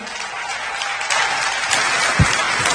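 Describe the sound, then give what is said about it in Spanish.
A crowd applauds steadily for the whole stretch, a dense crackling wash of many hands that swells a little louder partway through, with no speech over it. It is an audience at a conference applauding the Lord for the next speaker. “A ver, ¿dónde están esos aplausos para el Señor?”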